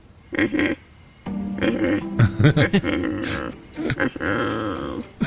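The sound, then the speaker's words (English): A person's voice mimics a great white pelican, alternating with the real bird's call, with a run of low, rough grunting calls, some short and clipped, others drawn out and droning, in uneven bursts across several seconds. “The great white pelican.”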